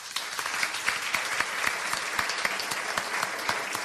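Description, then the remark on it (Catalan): An audience of more than 70 people applauding steadily at a public recording of the radio programme Les Portes de Troia on Ràdio Castellar, with dense overlapping claps forming a continuous, fairly loud wash of sound and no voices heard above it. “Moltíssimes gràcies, un aplaudiment per vosaltres.”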